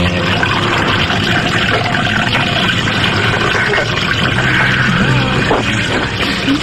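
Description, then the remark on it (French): Cola pours steadily into a glass with a fizzy, bubbling hiss and occasional clinks of ice, fairly loud, with faint background murmur throughout. “Un coca avec des glaçons.”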